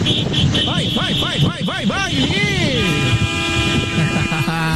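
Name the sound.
vuvuzela being blown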